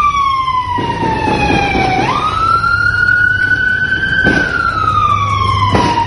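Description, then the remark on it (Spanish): A police patrol car siren wails loudly as the car approaches the scene, its tone sliding slowly down, then sweeping up and gradually falling again, over rumbling traffic noise with a few sharp bursts of high-powered gunfire. “Videos compartidos en redes sociales muestran el momento en que se escuchan múltiples detonaciones de armas de alto poder mientras una patrulla se aproxima al lugar.”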